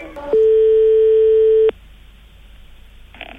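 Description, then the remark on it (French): A telephone ringback tone sounds once, a loud, steady pitched beep lasting over a second, then cuts off, leaving faint line hiss and a small click near the end, as a call is placed to a proctologist's office. “Parce qu'il faut que je prenne des notes, chers auditeurs, pendant que je téléphone.”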